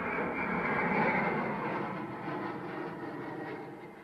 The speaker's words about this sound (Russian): С шумом пролетает самолет. Мужчина задирает голову.